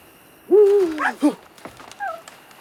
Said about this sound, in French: Une chouette. Mon Dieu, est-ce qu'elle m'a effrayé?